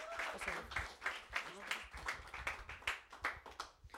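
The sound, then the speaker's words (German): Applause from a small studio audience celebrating six years of Dark Metal Asylum, with sharp, steady claps repeating at a brisk, fairly even rhythm for several seconds at moderate volume. “Also nochmal ein Applaus auch für euch und ja, schön, dass wir gemeinsam feiern können.”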